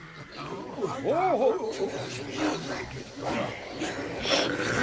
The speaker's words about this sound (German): Aber es starren sowieso alle auf die Bühne, scharren ungeduldig mit den Tatzen und schnaufen erwartungsvoll. Einem Babydrachen entfährt sogar ein kleiner Pups vor Aufregung.